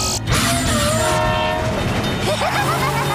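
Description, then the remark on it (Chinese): A train rumbles past, its loud horn blaring in sustained tones over the steady clatter of the cars, with a brief break in the noise near the start. “现在我们还得等火车通过吗？”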